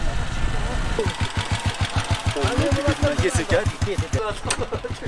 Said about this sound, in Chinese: 几个摩托车？ 5-6个吧。 5-6个摩托车哈，汽车上不去了哈。